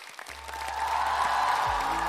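Steady, dense applause from an audience at a Beijing Culture Forum programme welcoming a guest professor from Beijing University of Chinese Medicine, building over the first half-second and then holding at an even level, with a low sustained hum beneath it.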